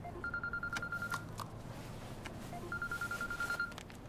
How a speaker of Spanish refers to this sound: El teléfono de Ji-hun suena.